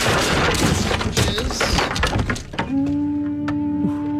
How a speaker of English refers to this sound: It seems like a weird way to enter the dojo by kicking the door off the hinges. You're going through a lot of lumber in this dojo.